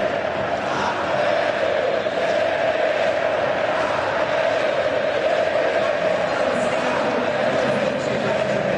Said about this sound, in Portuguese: Pode subir o som da torcida cabulosa. Gritando o nome do Wesley, que acabou de chegar e já chegou marcando um golaço.